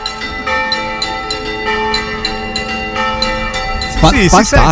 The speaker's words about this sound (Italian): Stavamo sentendo le campane e ci stavamo chiedendo, cara Lucia, che cosa c'è di particolare? Perché quei ragazzi sono sul campanile in questo momento? Allora, queste sono, hanno un particolare modo di suonare le campane.